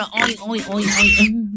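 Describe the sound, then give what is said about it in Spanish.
A pig oinks and squeals in a quick, nasal burst of grunts that rises into a shrill squeal before fading out, lasting under two seconds. “Yo no sé si ustedes tienen chanchos, cerdo.”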